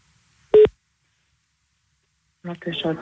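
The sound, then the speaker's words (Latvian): A single short electronic telephone tone beeps once while calling a language consultation line, followed by about two seconds of silence before a voice starts talking, as if someone picks up the line. “Valodu centru uzvanam, pajautājam.”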